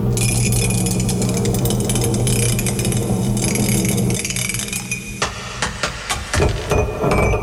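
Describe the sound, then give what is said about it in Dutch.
A die rolls and clatters, a dense run of rapid hard rattling over a low hum, then slowing into a few sharper, separate knocks and clicks as it settles, landing on six. No one speaks. “Wacht even, hoor, dat dobbelsteentje dat zit hier ergens achter verstopt.”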